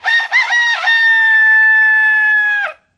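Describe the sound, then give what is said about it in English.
A rooster crows loudly, a single long cock-a-doodle-doo with a choppy start and a sustained, drawn-out final note that cuts off abruptly. “All right, you don't have to interrupt me by crowing loudly.”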